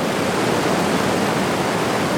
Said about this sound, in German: Es waren keine Autos, sondern ein Wasserfall.